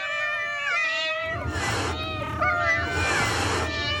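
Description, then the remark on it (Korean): A cat yowls in long, wavering cries, loud, with harsh hissing bursts breaking in between the drawn-out wails, as it attacks creatures called Ratus; no one speaks. “라투스들이 고양이의 공격을 피하자 유라는 이제 자신이 먼저 공격에 나섰다.”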